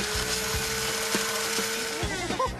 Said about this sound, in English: Now, put them into the blender and hit puree to make it nice and smooth. Everything in the blender? And now, puree.